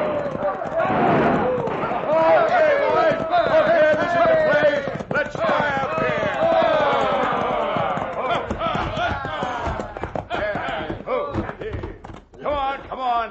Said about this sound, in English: It all started when a crowd of hoodlums rode into Dos Rias, airing their lungs and triggering their guns.